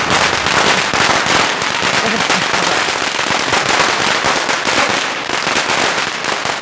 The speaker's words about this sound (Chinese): 放鞭炮庆祝一下，这不是老爷多年的规矩吗？ 胡闹，这伪作刚刚给抓起来了，我这就放鞭炮，你们想害死我？